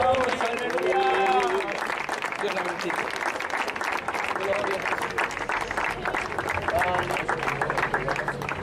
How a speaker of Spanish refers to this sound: La iglesia, el Señor, un fuerte aplauso al Cristo de la gloria.